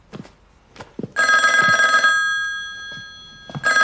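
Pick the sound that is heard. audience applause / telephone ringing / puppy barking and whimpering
telephone ringing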